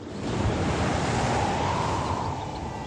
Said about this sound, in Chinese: 晴朗的天气并不太久，没过一会儿，海面上便起了大风